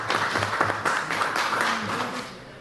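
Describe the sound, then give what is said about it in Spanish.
A crowd applauds steadily at an agricultural fair event in the province of Otuzco, dense overlapping claps filling the space at moderate loudness, with faint voices murmuring underneath before the clapping begins to taper off. “Fuerte los aplausos, por favor.”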